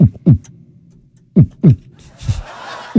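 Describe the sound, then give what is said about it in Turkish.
A heartbeat sound effect thumps in deep, close lub-dub pairs with pauses between them, while a soft, hissy murmur of background noise rises toward the end. “Hanımefendi kalp sesi geliyor mu size?”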